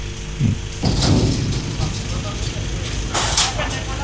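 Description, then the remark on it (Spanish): A large parking-lot gate rolls shut after a pickup truck has driven in, with two clattering bursts of noise, one early and one near the end, over a steady low rumble of vehicles and faint background voices. “Está ingresando la camioneta dentro del estacionamiento. Cierran el portón.”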